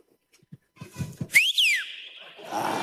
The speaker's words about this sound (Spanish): Chuta, ya ni silbo. Antes silbaba fuerte.